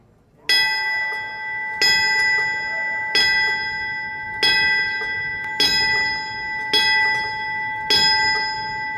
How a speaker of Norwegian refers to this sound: Bjelleklangen til minne for brandmannskapa og de nesten 3000 mennesker som mistet livet I angrepet på World Trade Center I New York.